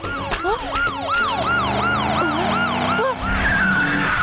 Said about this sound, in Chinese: 现在情况紧急，拉响警笛也不会生气了吧？